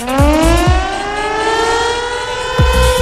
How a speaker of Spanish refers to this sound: Es la sirena que dice que te tenés que prender al aire